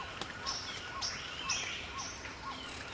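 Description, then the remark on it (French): Many birds sing at once in an outdoor dawn chorus in woodland undergrowth, overlapping chirps, whistles and trills from several directions, over a steady low hum of open air. “C'est le chorus de l'aube.”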